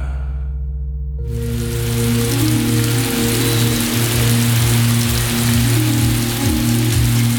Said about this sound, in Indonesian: Belakangan ini, cuaca sudah mulai lembab dan hujan sudah mulai turun.